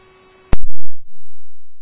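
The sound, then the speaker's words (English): Radio dispatch alert tones: a steady electronic tone over radio hiss is cut by a loud sharp click and static burst, followed by another sustained tone that slowly fades. No voices. “Receive tones.”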